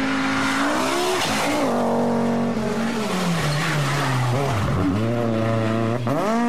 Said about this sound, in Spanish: Se encienden los motores, se prende la pasión y pisamos el acelerador a fondo.